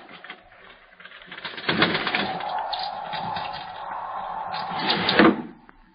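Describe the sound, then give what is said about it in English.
A bird taps at a window at night as the weather turns windy, the wind driving it to shelter on the sill: soft, scattered knocks set against a steady rushing wind noise that swells in the middle and fades away. No one speaks. “It was a bird. What kind, I could not tell. The wind must have driven it to shelter on the sill.”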